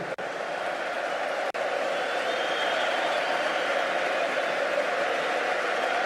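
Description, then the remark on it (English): A dense, steady wash of Manchester United fans' applause and cheering for Casemiro fills the whole stretch, loud and continuous with no pauses, a broad roar of many hands clapping at once. “Casemiro, a big round of applause.”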